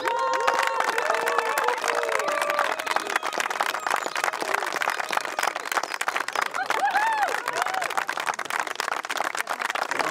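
An audience claps steadily and loudly for about ten seconds in an applause vote for a contestant, a dense crackle of many hands, with scattered cheers and whoops rising above it.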